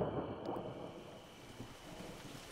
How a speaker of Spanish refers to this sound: ¡Lluvia! ¡Está lloviendo! ¡Me encanta la lluvia!